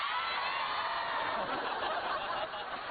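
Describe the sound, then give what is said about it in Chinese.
A large audience cheers and shouts "Passion" together, a dense, loud roar of many voices that holds steady for about three seconds without pause. “看到这个阵容大喊一声 Passion。”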